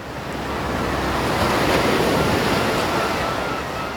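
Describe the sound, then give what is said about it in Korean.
Ocean waves wash and break against a shoreline on the coast of Jeju in a steady, full roar of surf that swells slightly in the middle, with no voices over it. “그리고 일주일쯤이 지난 뒤 제주의 바닷가.”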